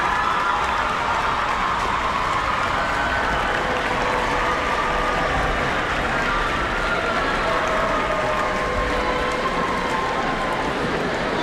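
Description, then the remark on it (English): Sustained applause from a large audience for the choir Bel Swono from Waikato Diocesan School for Girls, a steady dense wash of clapping at an even, fairly loud level for over ten seconds, with a few faint cheers mixed in. “Yes, you can applaud.”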